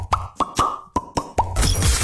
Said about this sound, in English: How many burst bubbles were there?